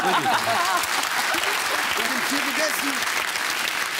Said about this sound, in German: Applaus bitte.